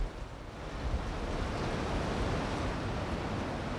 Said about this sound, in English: A little windy right now.